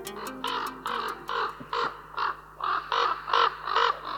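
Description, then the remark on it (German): A common raven croaks repeatedly, about nine harsh, hoarse calls in a steady rhythm, fairly loud, with no voices present. “Der Keulkrabe, ein unterschätztes Intelligenzwunder.”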